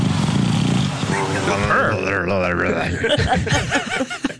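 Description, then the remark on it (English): A flat-faced dog breathes in rough, rumbling snorts with a purr-like rattle, followed by wavering, whiny snuffles and wheezes that rise and fall; the sounds are fairly loud and continuous throughout. “You know, its face is all smushed in, so these are the noises it makes as it breathes.”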